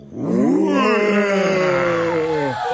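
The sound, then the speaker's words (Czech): Two actors together imitate a big lion's roar for an audience, a loud, sustained moaning growl lasting about two seconds that swells quickly, holds, then slowly sinks in pitch before fading out. “Takže pozor, veliký lev. Raz, dva, tři.”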